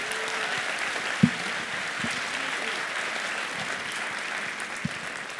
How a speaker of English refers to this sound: A phenomenal cast, truly, from top to bottom. Yeah, round of applause for the cast.